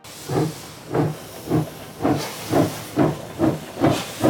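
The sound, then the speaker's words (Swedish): A steam train pulls away from the platform in Zürich with a steady rhythm of hissing chuffs, about nine evenly spaced puffs of steam at moderate volume, with no voices. “Fast när tåget lämnar Zürich är Willy Münzenberg inte med.”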